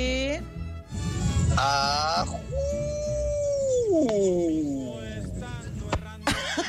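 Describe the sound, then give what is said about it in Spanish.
A voice imitates a wolf howl, with a few short yelping cries and then a long, sustained tone that slowly slides downward. The sound is loud. “Ahí es el lobo. Más que lobo parecía el aullido de un... de una nutria.”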